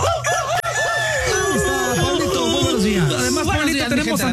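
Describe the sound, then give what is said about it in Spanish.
A loud, busy chorus of chickens cackling and clucking over one another, with rooster crows mixed in, continuous for the whole stretch. “Y vámonos con el cacareo para empezar el lunes con mucha, mucha ¡venga! Energía.”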